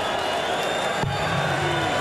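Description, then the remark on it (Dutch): A packed darts crowd cheers and roars steadily for a couple of seconds, a loud, dense wash of voices with a single sharp knock cutting through midway. “Publiek in.”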